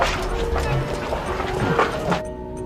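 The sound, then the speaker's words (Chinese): Dogs that have just been let loose bark in short bursts amid a dense, noisy background, the yelps rising over a steady wash of sound before cutting off abruptly near the end. “已经放狗出来了，告诉同志们注意隐蔽。”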